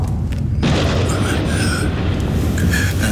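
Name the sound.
thunder clap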